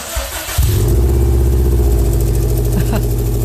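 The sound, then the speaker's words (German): The engine of a bright blue Subaru, just repaired, cranks briefly, then catches at about half a second and settles into a steady, loud, low rumbling idle with a faint whine above it. “Springt an. Also würde ich als Laie sagen, klingt gut.”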